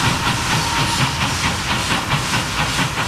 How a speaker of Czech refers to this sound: Parní vlak nejprve vyrazil jako rychlík z Prahy do Chebu, odtud pak pokračoval jako osobní vlak číslo 3717 do příhraničního města Aš.